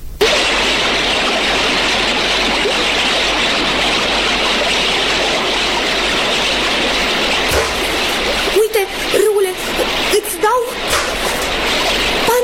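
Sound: river water splashing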